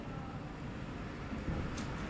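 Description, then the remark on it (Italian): A steady, low rumbling drone of road noise from inside a moving car, continuous and fairly even throughout, with a brief faint high hiss near the end and no voices. “Sono in auto.”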